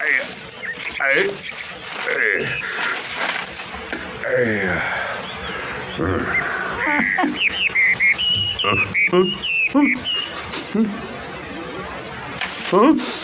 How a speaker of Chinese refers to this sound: 妖怪，妖怪！啄木鸟啊！